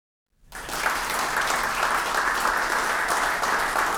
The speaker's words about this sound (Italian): Il vero applauso